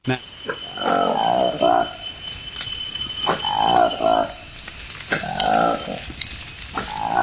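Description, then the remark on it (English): A newly discovered Lesula monkey calls in the Democratic Republic of the Congo, in three rhythmic bursts of low, throaty hoots, each lasting about a second, loud, over a steady high hum of insects in the forest. “This is the remarkable sound of a newly discovered monkey in the Democratic Republic of the Congo.”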